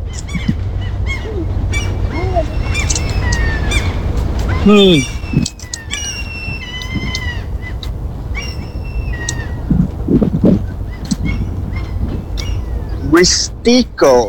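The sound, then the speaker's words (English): Several birds chirp and whistle repeatedly outdoors, their calls bright, layered over a steady low rumble of background noise, with a louder burst of squawking near the end. “You can hear the birds, maybe. I think this microphone should pick up those birds.”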